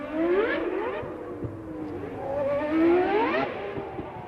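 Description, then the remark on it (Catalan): A car engine hums steadily while its pitch rises and falls in two smooth revving swells, moderately loud, with no voices. “Ens posam en situació i entram dins un cotxe, encara que també ens valdria un simulador.”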